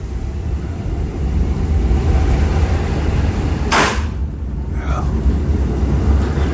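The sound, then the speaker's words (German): An old rail car carrying a passenger rumbles steadily along, wheezing and creaking, with a sharp burst of hissing air partway through and a brief creaking squeal just after, all over constant low mechanical noise. “Schnauft, krächzt und krachtet noch so richtig.”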